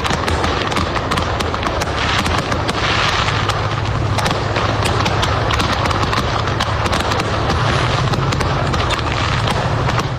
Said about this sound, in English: A truck in Tennessee exploded with fireworks. This seems to happen almost every year now. And the visuals of this were incredible. Tremendous. It's incredible, yeah. The truck was off the side of the road. That's fireworks.